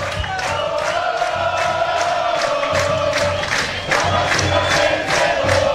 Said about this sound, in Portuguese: Você escuta ao fundo aí a torcida inflamada, torcendo bastante para a equipe do Democrata, querendo mais, pedindo mais um do Jacaré.